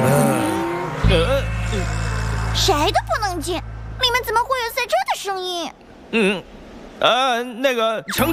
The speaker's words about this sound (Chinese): 云谷赛道正在进行安全维护，任何人都不能入内。谁都不能进，里面怎么会有赛车的声音？